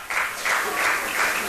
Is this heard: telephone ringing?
no